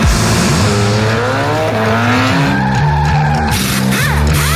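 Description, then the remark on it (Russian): A car engine revs hard while tires squeal in long, rising and falling tones, loud, with layered harmonic whines sweeping across the whole stretch and no talking. “Чувствуешь, как машина просит скорости? Не дай ей сбавить ход.”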